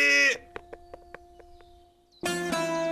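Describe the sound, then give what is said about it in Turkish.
A goat bleats loudly, a short cry at the start and a longer, wavering one at the end, with a few faint clicks in the quiet gap between. “Keçi de olsa yetişiriz duvara. Harika fikir. Gerçekten çok akıllıyım ben. Keçi!”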